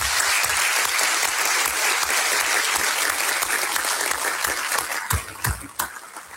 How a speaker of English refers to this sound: Thank you, gentlemen. Really appreciate your being here and your answering these questions. Could we have a round of applause for both candidates?